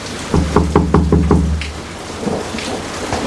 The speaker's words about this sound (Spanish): ¡Ahí va, ahí va! Uy, qué tormenta, Vipa. Yo pensé que íbamos a empezar a volar. ¡Ay, yo me siento mareada! El viento me llevaba de un lado para otro.